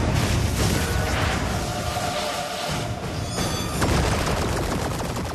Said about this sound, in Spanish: Lanzan cohetes hacia la nave. Logran pegarle. La milicia lanza una ola de cohetes hacia la nave.